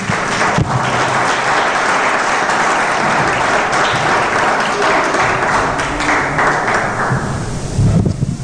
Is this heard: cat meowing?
no